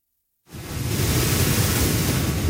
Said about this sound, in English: Category 4 Hurricane Polo is battering southwestern Mexico, sending massive waves crashing into beachfront homes and dragging debris through the streets.